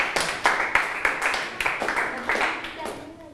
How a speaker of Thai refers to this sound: สามารถตอบได้ถูกทั้ง3ข้อเลยปรบมือตัวเองดังๆได้เลยครับ